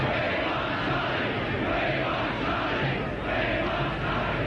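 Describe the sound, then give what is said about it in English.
A huge crowd at the palace gates in London roars and calls out continuously for Prince Charles after his wedding to Diana, a dense, steady wash of many voices with no pauses, loud and sustained throughout. “The crowd called for Prince Charles.”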